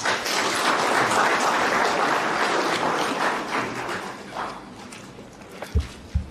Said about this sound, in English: Can we please give the ministry a round of applause?